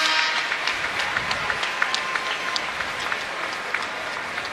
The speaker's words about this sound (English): As the crowd gives her a round of applause as she gets to her feet.